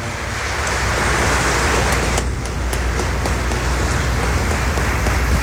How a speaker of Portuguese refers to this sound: Vamos saudar a palavra do Senhor com palmas.